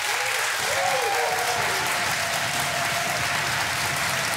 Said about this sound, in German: So, und jetzt habt mal einen großen Applaus für unsere beiden Studiokandidaten.